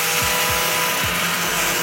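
A machine works steadily on plastic materials being pressed together into a board, giving a loud, continuous grinding whir with a few repeated low pitch dips as it bites into the material. No voices.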